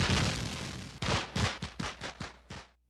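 Fireworks exploding in a rapid crackling barrage, first a dense roar of bursts and then a string of sharp separate pops in quick succession, loud, with no talking.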